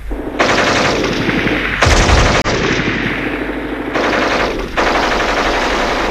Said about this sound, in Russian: Немцы вдруг начинают пальбу. И мы добрых 15 минут лежим, уткнувшись в землю носами.